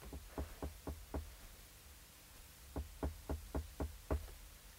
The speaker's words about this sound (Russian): Он, крадучись, поднимается к Живоедовой, несколько раз стучит к ней.